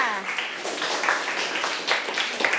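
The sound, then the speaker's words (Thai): A group of students in a class applauds a classmate together, a dense, steady patter of many hands clapping at once for a couple of seconds, with a brief voice audible at the very start. “Okay, ปรบมือให้เพื่อนค่ะ”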